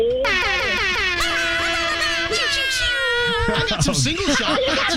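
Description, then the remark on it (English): A loud, blaring air horn blast holds a steady, brassy tone for about three seconds, then cuts off as voices start talking. “I love the air horn.”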